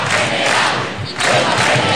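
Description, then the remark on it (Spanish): A large crowd chants loudly in unison at a protest assembly in the Puerta del Sol, Madrid, voices swelling together in a dense roar with a brief dip before the chant surges again. “Además del no nos vamos, nos quedamos, en la asamblea organizada en la Puerta del Sol se escucharon recurrentemente 2 palabras.”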